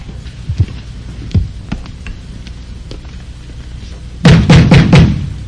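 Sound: pounding on a door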